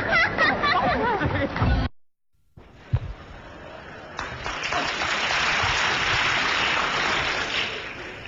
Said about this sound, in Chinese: 首先感谢朋友们稀稀拉拉的掌声，谢谢。谢谢 啊！